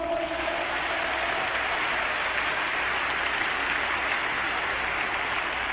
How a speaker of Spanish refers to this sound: Palmas para Cristo.